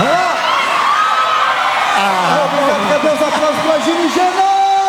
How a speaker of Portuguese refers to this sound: Mais palmas de vocês, mais palmas, mais palmas, mais palmas, obrigado, obrigado,